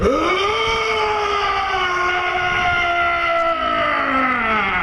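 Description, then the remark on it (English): A person imitates the call of a hodag at the Hodag Calling Contest of the 2026 Hodag Heritage Festival in Rhinelander, Wisconsin, with one long, loud, strained howl that swoops up at the start, then holds and slowly sinks in pitch for about five seconds. “That is the sound a hodag makes. Or at least that's what the judges think.”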